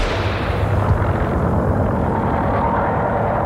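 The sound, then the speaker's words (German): A loud, continuous roar of racing car engines as the racers drive past spectators at arm's length, raising a lot of dust at the start of a race. The sound is dense and heavy in the low end, with no separate starting shot standing out and no voices. “Und dann fällt der Schuss.”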